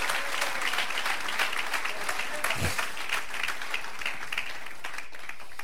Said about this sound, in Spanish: Si le va a dar palmas, se la damos a Cristo Jesús, el Hijo de Dios.